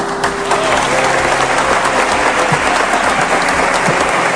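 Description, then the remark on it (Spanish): People inside a basilica applaud steadily as Pedro Martínez raises a trophy, a dense, loud wash of many hands clapping together that holds an even level for about four seconds, with no voices coming through. “Y situación para el recuerdo, con Pedro Martínez elevando el trofeo al cielo dentro del centro religioso y levantando también los aplausos entre los allí presentes.”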